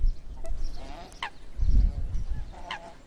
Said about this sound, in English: The demoiselle crane is a migratory bird that visits the Dornod steppe.